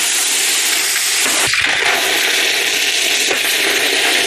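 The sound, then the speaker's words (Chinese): A hot, initially polished knife blade, put back in the fire, is quenched in water for its final hardening: a loud, steady hiss with sizzling and bubbling churn and a brief surge near the middle, running unbroken for several seconds without any voices. “会将已初步打磨光亮的刀身重新入炉，进行最后一次精准淬火。”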